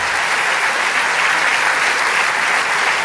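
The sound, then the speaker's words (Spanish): Sustained audience applause given to the King of Kings fills the whole clip, a dense, steady wash of many hands clapping at once, loud and even with no voices breaking through. “Si quiere darle ese aplauso al Rey de Reyes.”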